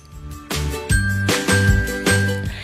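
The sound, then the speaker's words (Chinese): Wind chimes decorated with starfish and seashells tinkle in a handicraft workshop on Xihang Road in Pingtan, with several bright metallic strikes every half second or so, their ringing tones overlapping and sustaining. No one speaks. “西航路的老奶奶手作坊内，浙江游客诗婷正将海星和贝壳粘于风铃上，在充满海洋元素的空间中，她暂避骄阳，让一枚独一无二的风铃成为专属信物。”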